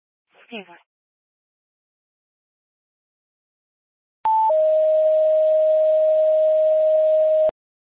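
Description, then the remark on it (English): A brief chirp-like blip, then silence, then a loud steady telephone dial tone that holds for about three seconds before cutting off abruptly, as someone gets ready to call a person by phone. “I'm going to call this subject by phone.”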